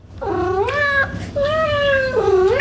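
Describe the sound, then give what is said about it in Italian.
A cat meows in two or three long, drawn-out calls, each bending in pitch, one after another over a low steady hum, with no talking. “Ti sei mai chiesto se i gatti ti vedono come uno di famiglia o come il loro servo?”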